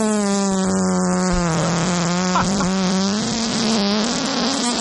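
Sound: fart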